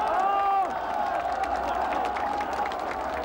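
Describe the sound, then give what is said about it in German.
Hundreds of thousands of citizens in Beijing applaud and cheer marching students in a dense, steady roar of clapping, with a drawn-out call or whistle rising above it at the start and many voices mingled throughout. “Die historische Dimension des Augenblicks aber liegt darin, dass Hunderttausende von Bürgern den Studenten unverhohlen Beifall spenden.”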